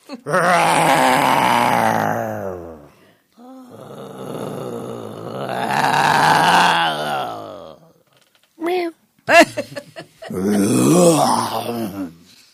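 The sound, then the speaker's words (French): Several people take turns letting out long, loud growling roars with their voices, one after another, followed by a few shorter, sharper vocal bursts near the end. “Nous allons chacun rugir à tour de rôle.”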